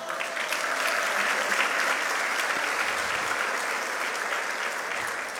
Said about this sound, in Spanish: Felicitamos a nuestros representantes por facultades, para quienes pido nuevamente un fuerte aplauso.